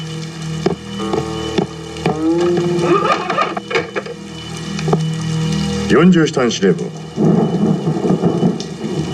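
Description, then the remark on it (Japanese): Heavy, steady rain that keeps aircraft from flying hisses throughout, with low thunder rumbling beneath it, while men's voices talk over the downpour. “雨がやまず航空機を飛ばせません。”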